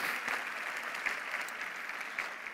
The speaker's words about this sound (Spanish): Dale un aplauso al Señor, ponte de pie.